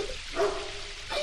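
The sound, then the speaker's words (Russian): A big dog named Botsman (Боцман) gives two short barks, spaced about a second apart, at moderate loudness over a soft, hissy background with no talking. “А это моя собака.”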